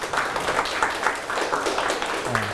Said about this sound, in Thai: ครับปรบมือให้เพื่อนครับ